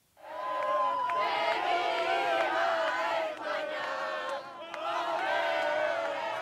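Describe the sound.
Spanish football fans at the Landhaus Walter in Hamburg's Stadtpark roar and cheer at night, celebrating Spain winning the World Cup, a sustained dense wall of shouting voices with rising whoops, dipping briefly before surging again.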